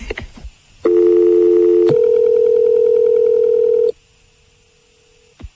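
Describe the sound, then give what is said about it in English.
A landline phone line with a few clicks, then a loud, steady electronic tone that shifts slightly after a click and drops to a faint hum before cutting off. No one speaks. “What are you doing ringing on the landline?”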